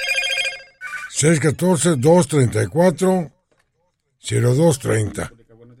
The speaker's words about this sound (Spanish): Bueno, colgamos porque además ahí está entrando otra llamada para que nos envíen mensajes de voz, mensajes de texto.